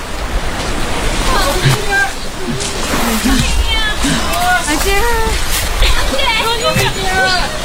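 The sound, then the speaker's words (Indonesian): Water splashes and sloshes steadily at the shoreline as a boat carrying Rohingya refugees lands and they jump off into the water, with a crowded beach of many local residents calling and shouting over the constant surf, loud. “Para pengungsi buru-buru turun dari kapal, berloncatan ke air, dan mengharap bantuan warga yang ramai di pantai.”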